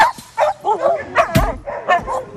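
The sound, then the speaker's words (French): Several harnessed dogs, including Ice and Ivan, bark and yip excitedly in quick, overlapping bursts as they are taken out of their enclosure one after another, with a few higher whimpering yelps mixed in and one sharp, loud bark standing out. “Et là, la subtilité, c'est de sortir les chiens l'un après l'autre sans qu'ils sortent tous en même temps.”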